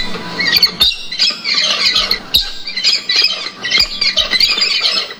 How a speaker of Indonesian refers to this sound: Kicauan burung-burung itu sesekali terdengar di hutan belantara Halmahera, manakala RRI mencoba menelusuri ke dalam hutan. Kicauan burung itu salah satunya terdengar dari satwa kakatua putih atau alba yang nyaris punah di hutan Halmahera.